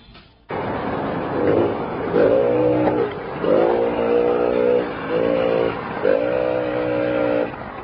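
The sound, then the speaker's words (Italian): A Benelli S50 moped engine drones loudly, its buzzing pitch rising and falling in several surges as the rider accelerates and eases off, with no voices. “Sì, sono arrivato, legherò il motorino”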